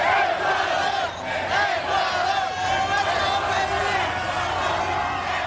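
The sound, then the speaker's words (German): Ecuador football fans in East Rutherford near New York roar and chant at night, celebrating their team's 2:1 win over Germany, a dense, loud wall of overlapping shouting voices that holds steady throughout with only a brief dip near the start. “Die Fans aus Ecuador haben dort den 2:1-Sieg ihrer Mannschaft gegen Deutschland ausgiebig gefeiert.”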